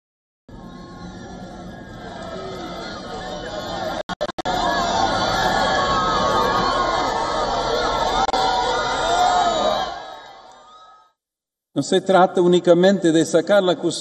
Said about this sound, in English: The Pope also pauses to bless children, much to the joy of the cheering crowds.